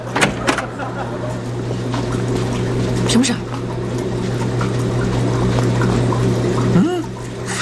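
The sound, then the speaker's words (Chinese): A loud washing machine, bought as a silent model, runs throughout, its steady low droning hum mixed with rushing, sloshing water, while a short spoken question briefly cuts in over the noise. “哎，你这洗衣机声这么大呀？”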